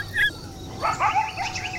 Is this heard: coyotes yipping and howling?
yes